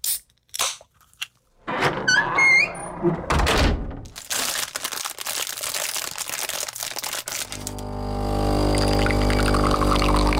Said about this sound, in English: Those are the sounds of a can opening, a door closing, plastic wrapping, and a coffee machine whirring.